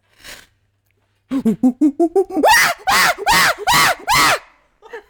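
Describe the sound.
A voice imitates a chimpanzee call: a quick run of short, breathy hoots climbs in pitch and builds into about five loud, harsh screams, ending with a faint trailing sound.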